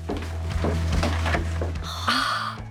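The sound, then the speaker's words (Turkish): The wooden door of a parents' bedroom swings open with a creaking, splintery scrape and a few soft knocks, ending in a brighter squeal as it moves. “Hadi ebeveyn odasına bakalım. Harika. Harika, bu kapı.”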